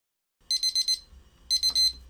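A kitchen timer alarm, set for 12 minutes of cooking rice in a pot, rings in two bursts of rapid, high-pitched electronic beeps, four quick pulses each, separated by a short pause, loud, with a low background hum.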